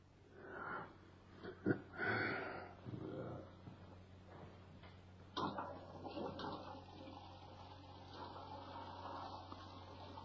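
A few scattered knocks and rustles, then a toilet flushes with a steady rushing swirl of water that carries on to the end, moderately loud.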